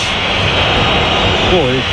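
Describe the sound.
A stadium crowd at the Bernabéu whistles in a dense, steady, loud wash of shrill noise that never lets up, with a brief wavering voice-like tone rising out of it near the end. The whistling comes at half-time of a 0-0 match as the Real Madrid players leave the pitch.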